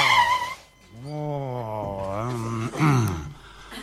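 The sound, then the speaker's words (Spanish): A voice imitates a car braking hard, producing a drawn-out, wavering screech of tires skidding that slides up and down in pitch for a few seconds, loud; a driver on a highway braking as the police stop him. “Tipo que venía por la ruta el tipo, ¿viste? Lo para la policía, frena el tipo, venía en un pedo, dice, control de alcoholemia.”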